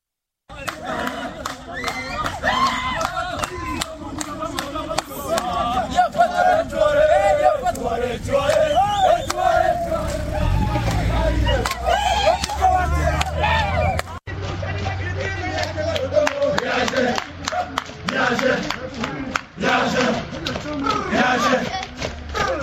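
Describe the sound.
A group of police officers chanting a running cadence together while running, loud massed voices in rhythmic call and response repeating the Hungarian word "lélegzett", with shuffling footsteps and crowd noise underneath throughout.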